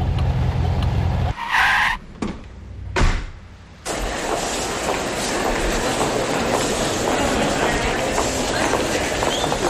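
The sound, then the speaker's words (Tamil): A car is driven into a parking spot and parked: a low engine rumble, a brief squeal and a couple of sharp clunks, then a steady, fairly loud roar of motor and tyres. “சரி சரி, நான் போய் காடியை பார்க்கிங் பண்ணிட்டு வந்துடுறேன் பாய்.”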